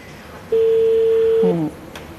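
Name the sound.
phone call dialing tones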